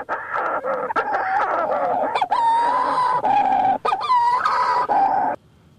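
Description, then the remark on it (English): Raucous, wailing calls of a Manx Shearwater, an Atlantic Ocean seabird, loud, a string of strained, crowing cries rising and falling in rapid succession for several seconds, with no talking. “This is a bird out of the Atlantic Ocean. It's called the Manx Shearwater.”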